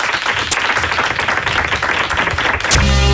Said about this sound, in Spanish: Un aplauso